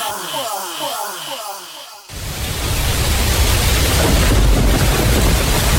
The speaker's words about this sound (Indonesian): Wah, hujan deras nih. Nggak bisa kemana-mana. Nanti banjir lagi. Bersyukur masih datang hujan.